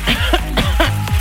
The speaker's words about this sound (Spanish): Sí, obviamente, si usted tiene tos, como tengo yo,